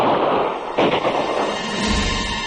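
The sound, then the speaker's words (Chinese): Muffled gunfire cracks out in the distance, one sharper report standing out early on, all set against a steady, dense rumble of background noise with no voices. “廖飞话音未落，远处突然传来枪声。”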